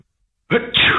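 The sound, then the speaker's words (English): A single loud sneeze erupts after a brief silence, a short sharp intake followed by an explosive burst of breath. “Bless you.”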